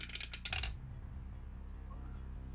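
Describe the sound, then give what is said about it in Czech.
A quick flurry of hard little clicks and rattles as a single die is tossed and tumbles across a surface, landing on a six, lasting under a second before fading to a quiet low hum. “Seš napnutej, tak počkej, hele, beru kostku, jdu to tam šoupnout.”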